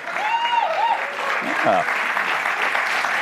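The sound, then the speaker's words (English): Dense, steady audience applause for a tease fills the whole stretch, with a high whistle-like tone early on and a brief voice rising through the clapping midway. “The clapping for my tease.”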